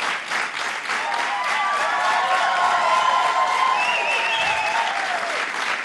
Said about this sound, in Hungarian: Köszönöm szépen! Hát ekkora taps cunamira nem is számítottam. Azért még semmit sem mondtam, de lehet, hogy máskor csak bejövök és így nézek.